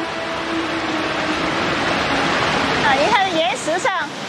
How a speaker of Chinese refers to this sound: 感受到巨大的瀑布轰鸣声，甚至有水雾向他们扑来。